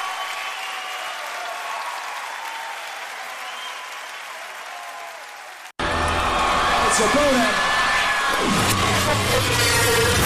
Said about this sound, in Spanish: Fuerte aplauso para los muchachos.